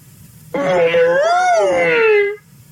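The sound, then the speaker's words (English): A voice imitates Uncle Elephant trumpeting to welcome the dawn, with one long, loud, wailing blast that rises in pitch, swells, then slides down over nearly two seconds before cutting off. “Every new day deserves a good loud trumpet.”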